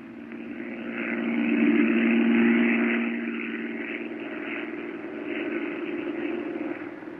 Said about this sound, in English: I can't stand listening to that plane up there circling the airport. Jack Knight's been circling Bellefonte now for 30 minutes.